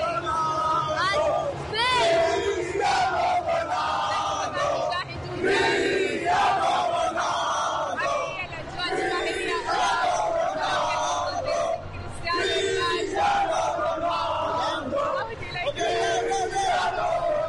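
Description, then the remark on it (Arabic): A loud stadium crowd, mostly Portuguese supporters, roars and chants "Cristiano Ronaldo" in unison, repeating the name again and again in steady surges, with dense, continuous noise underneath the massed voices throughout. “شكرا لهدير لهذه الجماهير التي يطغى عليها البرتغاليون، كما استمعنا لهم يكررون كريستيانو رونالدو كريستيانو رونالدو.”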